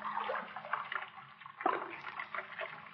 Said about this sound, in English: That sound. Running water. River this way.